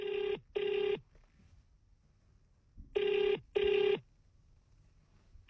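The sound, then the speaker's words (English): A phone line rings on an outgoing call: two short double-burst rings separated by a pause of about two seconds, clear and fairly loud, with no one talking. “Oh, do you hear that? It's ringing.”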